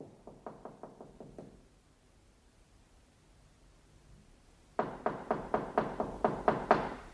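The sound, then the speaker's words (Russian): A quick run of about seven knocks on the door of a cold, unheated flat in besieged Leningrad, a pause, then a louder, more insistent series of around ten firm knocks, with no voices. “Стучат ко мне.”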